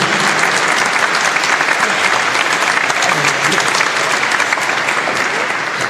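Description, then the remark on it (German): A large audience claps loudly and steadily for about six seconds, a dense continuous wash of applause with faint voices mixed in underneath. “Aber jetzt kein Applaus.”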